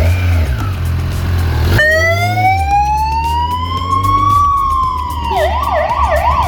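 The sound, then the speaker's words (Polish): A motorcycle ambulance in Poland sounds its siren loudly, a long rising tone that shifts into a rapid warbling yelp, over a low engine rumble with no one speaking. “Karetka na dwóch kółkach.”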